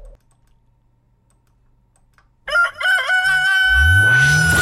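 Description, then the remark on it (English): After a couple of seconds of near silence, a rooster lets out a loud, drawn-out crow, while a rising whooshing sweep swells beneath it toward the end. “Kokoroko, don't crow.”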